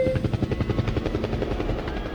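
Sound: helicopter flying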